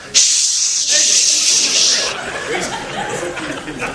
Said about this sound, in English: You think I'm going to quit spraying aerosol in the air because I'm worried about what's going to happen in 2070? No.